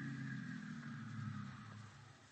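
The engine of a car waiting outside runs steadily, a low, continuous idling rumble with a faint higher hum on top, holding constant for the whole stretch with no voices.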